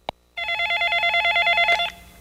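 A sharp click, then a steady electronic telephone tone that warbles rapidly for about a second and a half before cutting off. It is clear, with no voices.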